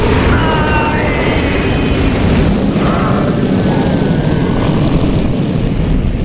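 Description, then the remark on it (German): A man-high wall of flame whooshes up and shoots toward Nabrak in a loud, continuous, deep roar that rumbles steadily for several seconds with a rushing hiss on top and no voices. “Ich öffnete die Augen und sah noch, wie eine mannshohe Flammenwand auf Nabrak zuschoss und ihn innerhalb von Augenblicken zu einem Häufchen Asche verbrannte.”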